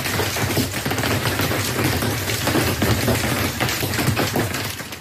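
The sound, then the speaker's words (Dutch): Hailstones from a thunderstorm in Belgium pelt a bus, rattling its top hatches, in a dense, relentless clatter of rapid hard impacts, loud, with a steady roar underneath and no voices. “Mensen, ik zit vast in mijn bus en mijn bovenste luiken zijn aan wiegelen door hagel.”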